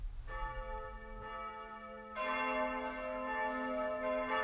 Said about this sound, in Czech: Hej, pane! Proč se tady tak slavně zvoní? Protože se vrátil starý čas a splácí staré dluhy.